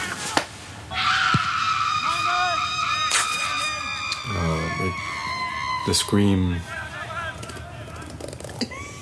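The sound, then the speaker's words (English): Loud, sustained human screams with shrill, wavering pitch, several overlapping and layered into a chaotic wail that runs almost the whole time, with lower shouted bursts near the middle. “The scream.”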